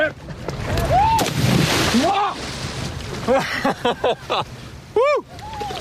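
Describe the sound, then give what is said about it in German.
A loud, rushing splash of a person plunging into water with a surfboard at a surf festival, followed by sloshing, with excited shouts and whoops rising over and after it. “Und ich jetzt mit ein bisschen Schmackes, ein bisschen mit Schwung jetzt gleich rein ins Wasser.”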